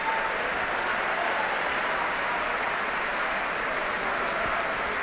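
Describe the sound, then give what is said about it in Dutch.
Steady audience applause for orchestra musicians fills the whole stretch, a dense, even wash of many hands clapping at constant loudness with no voices over it. “En ook fagotist Gustavo Núñez verdient zeker een applaus hier.”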